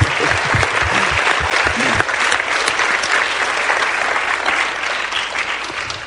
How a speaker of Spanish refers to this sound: Están aplaudiendo por el Señor, ¿verdad? Amén. Pues entonces aplaudan más fuerte.